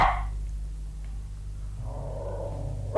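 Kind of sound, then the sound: animal, dog barking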